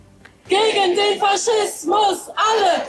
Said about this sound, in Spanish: Pues sí, a estas horas se están manifestando en Berlín miles de ciudadanos contra la ultraderecha tras su triunfo en las elecciones de Sajonia-Anhalt.